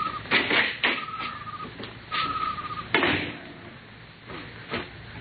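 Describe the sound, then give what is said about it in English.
A small side door of a silo is opened and shut in the dark: a few squeaky, creaking tones mixed with several heavy knocks and thumps, with no voices. “Here's the door.”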